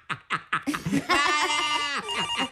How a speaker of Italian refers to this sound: Ecco che squilla il telefono.